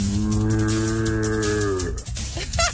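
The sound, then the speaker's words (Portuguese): A single long, loud blast on a berrante cattle horn, a steady buzzing tone held for about two seconds before bending down and cutting off, followed by brief scraping noise. “Eu também sei tocar berrante, olha só.”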